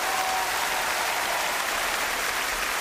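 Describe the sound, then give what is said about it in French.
A large Japanese concert crowd applauds continuously and impatiently, waiting for a band, a dense, steady wash of clapping with no pauses or individual voices standing out, fairly loud and filling the whole moment. “Le public nippon s'impatiente pour applaudir le groupe … en concert.”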